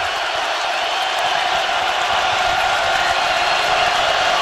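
A dense, steady roar from a large stadium crowd cheering continuously at a baseball game, loud and sustained throughout with no pauses and no distinct individual voices standing out.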